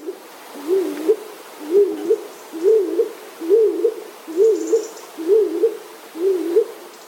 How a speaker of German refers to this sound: Die Hohltaube klingt dumpfer und kürzer.